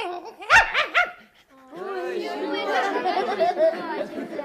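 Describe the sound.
A puppy lets out three quick, high yapping barks. After a brief pause, continuous whiny, whimpering sounds follow, mixed with a busy murmur of voices.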